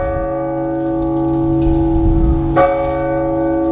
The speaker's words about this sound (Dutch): de klokken van de dorpskerk